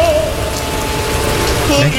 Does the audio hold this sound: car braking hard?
no